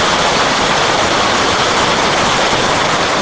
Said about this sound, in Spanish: que captó la lluvia en la Ciudad de México.